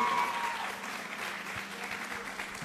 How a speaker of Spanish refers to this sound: Así que por favor, fuerte los aplausos para recibirla aquí en el escenario.